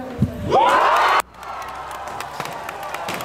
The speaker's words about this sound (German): Wir können auch kurz mal reinhören in den Jubel, der darauf erklang hier in Jena.